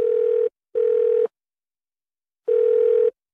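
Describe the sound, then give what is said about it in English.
A telephone ringback tone plays while waiting for an answer: a steady, buzzy mid-pitched tone in paired bursts, a silent gap, then the pair starting again. No one speaks. “That's loan approval taking time when you don't have it.”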